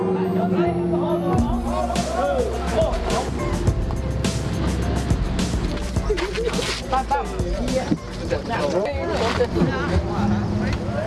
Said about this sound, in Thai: ทำขวัญเสร็จแล้ววันนี้ได้เลิกเอาเรือดาราสวรรค์ลงน้ำเป็นครั้งแรกไปตามลุ้นกันนะครับ